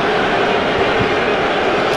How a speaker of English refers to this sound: And you can hear it at home, so there's no point in us pretending it's not happening. More booing tonight here at Rogers Center.